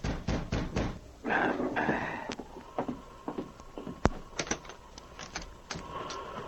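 A quick series of sharp, fairly loud knocks on a wooden cabin door at night, followed by scattered thumps and creaking movement. No one speaks.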